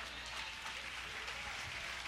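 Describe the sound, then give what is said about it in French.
A church audience applauds in praise of the Lord, a dense, steady wash of many hands clapping at once that holds an even loudness throughout, with no voices standing out. “En bas l'éternel, nos applaudissements.”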